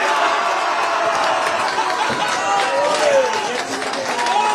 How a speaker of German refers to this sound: Und in der Innenstadt waren die Kneipen voll mit Fans, die das Spiel gemeinsam geschaut haben. Nach dem Abpfiff war der Jubel natürlich groß.